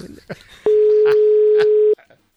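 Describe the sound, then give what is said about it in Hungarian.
A steady telephone dial tone sounds for about a second, flanked by short bursts of dialing beeps and clicks, fairly loud, with faint voices in the background. “figyeljen és vegye fel a telefon”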